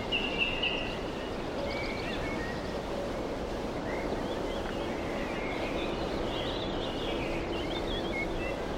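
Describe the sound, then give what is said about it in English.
Faint birdsong drifts over a steady, breezy outdoor hush, with scattered chirps and warbles coming and going throughout; no voices are present. “No human voice to rent the air. Nothing but birds.”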